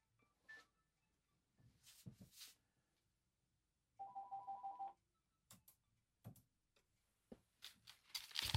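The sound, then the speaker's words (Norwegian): A telephone rings once, a short warbling electronic trill lasting about a second, set among scattered clicks and handling noises, with no one talking. “Nu ser det ut att han ringer först, så då väntar vi lite med.”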